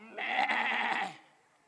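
A single goat bleat, about a second long, wavering and nasal, fairly loud and close, then fading into quiet.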